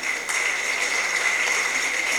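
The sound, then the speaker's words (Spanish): A steady wash of crowd applause for the Virgin Mary at a celebration of the Assumption. Many hands clap at once in a dense, even crackle that holds at the same level throughout, with no voices over it. “Fuerte el aplauso para la Madre Virgen María.”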